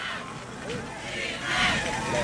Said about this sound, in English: And you can hear the Newfane cheerleaders and crowd that made the two-and-a-half-hour drive from across the way. They're riled up on the road.